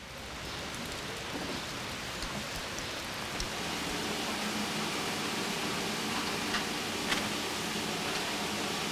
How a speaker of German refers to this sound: Und wieder Regen.